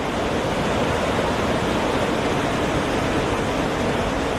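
A steady, powerful roar of rushing water from the Låtefoss waterfall, 165 metres high, dense and unbroken throughout, loud, with no voices or other sounds breaking through.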